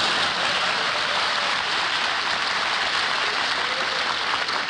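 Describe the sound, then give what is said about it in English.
Sustained applause from a large crowd, a dense, steady wash of clapping at full strength that holds without a break and has no voices over it. “Will you wait for him to applaud for his real mother, please?”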